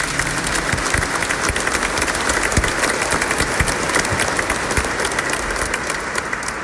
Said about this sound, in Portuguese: nós queremos acolher todos os romeiros, devotos, peregrinos da mãe, com a calorosa salva de palmas bem forte e bonita.